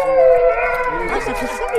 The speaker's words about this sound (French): Ça fait ça, le loup. Alors, il n'y en a pas forcément ici, mais on ne sait pas. Les plus près ont été photographiés à Govin, donc c'est pas si loin que ça.